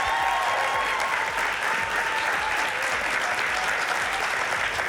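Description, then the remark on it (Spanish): A crowd claps steadily and loudly for the full few seconds, welcoming a demonstration team as it enters: a dense, continuous wash of applause with no pauses and no clear voices standing out. “mientras va a entrar nuestro equipo de demostraciones, para el que pedimos un fuerte aplauso, y vamos a ver lo que ocurre.”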